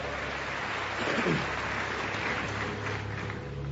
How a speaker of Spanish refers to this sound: ¿Alguien lo cree? ¿Alguien lo cree? Séllalo con un fuerte aplauso.